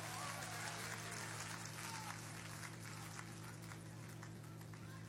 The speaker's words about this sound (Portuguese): Vamos aplaudir Jesus com alegria. Vamos aplaudir Jesus bem bonito. Aplaude e glorifica o nome dele, igreja.